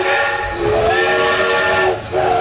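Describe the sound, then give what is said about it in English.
A steam locomotive whistle at the Thirlmere Festival of Steam in New South Wales blows loud and sustained with a broad hiss of steam beneath it, dipping briefly before sounding again near the end. No one speaks. “Experience the power and spectacle of steam at the Thirlmere Festival of Steam.”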